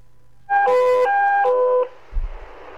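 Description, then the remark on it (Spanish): A loud electronic alarm sounds in a run of steady, harmonic-rich tones that alternate between a higher and lower pitch for about a second and a half, followed by a soft low thump. “Hay una alarma en este instante.”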